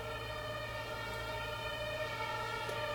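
An ambulance siren wails steadily over the low rumble of Sonnenallee, a very busy long street through Neukölln, heard from an allotment garden association, holding a fairly even level throughout without fading in or out.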